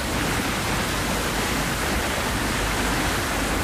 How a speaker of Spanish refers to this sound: Hoy te mando la postal sonora desde la cubierta de un yaúd.